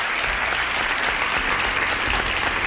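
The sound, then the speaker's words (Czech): Sustained applause from a crowd, a dense, steady wash of clapping hands at even loudness for a few seconds, with no voices standing out. “Vychutnejte si potlesky jenom pro vás.”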